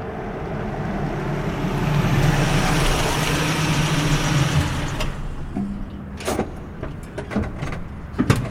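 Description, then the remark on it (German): A car with its headlights on pulls in from the entrance into an employee parking lot in the dark: its engine rumbles for several seconds, then cuts out, leaving a quieter stretch broken by a few sharp mechanical clicks and knocks. “Plötzlich flutete Scheinwerferlicht von der Einfahrt herein.”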